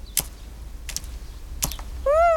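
A small blue bird with a yellow belly, a tit, pecks at seeds: three sharp, dry taps spaced unevenly, followed by a brief bright chirp at the end.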